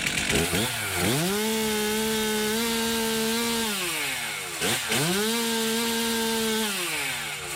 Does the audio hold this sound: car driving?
no